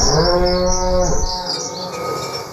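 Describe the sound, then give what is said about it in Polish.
A cow gives one long, loud moo with a rich harmonic tone that drops in pitch and fades, in an advert for Rolmlecz cheese, followed by faint background chirping. “I ten dźwięk byście usłyszeli. I od razu wiedzielibyście, że to jedyny w swoim rodzaju serek z krówką.”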